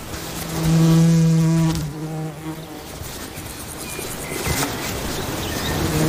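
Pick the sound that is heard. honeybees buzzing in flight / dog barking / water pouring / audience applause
honeybees buzzing in flight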